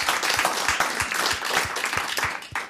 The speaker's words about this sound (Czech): Zatleskáme Alojzi Švehlíkovi.